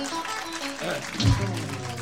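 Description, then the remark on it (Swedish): An audience claps together in a steady, dense burst of applause that holds at an even level for a couple of seconds, with a low thump partway through. “En applåd till dem, de är lite talträngda.”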